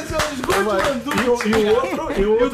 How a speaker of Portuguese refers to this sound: Salva de palmas!